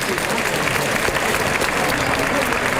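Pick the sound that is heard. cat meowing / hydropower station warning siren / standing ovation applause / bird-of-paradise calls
standing ovation applause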